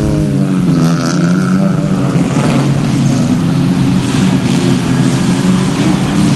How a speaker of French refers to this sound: On entend les voitures qui passent là derrière.